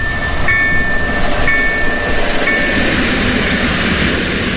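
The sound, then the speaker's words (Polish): A train rolls past on the rails, a loud, steady rumble filling the whole clip, with faint high metallic whines from the wheels cutting in briefly. “W każdej chwili mogą się szlabany zamknąć, może przejechać pociąg, są kamery i można być bardzo karanym.”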